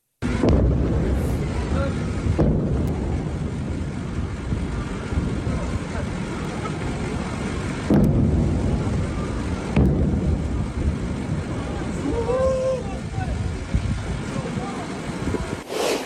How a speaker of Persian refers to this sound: ویدئوی رسیده از مخاطبی به ایران اینترنشنال وقوع چند انفجار در بامداد 24 تیر ماه در سیریک رو نشون میده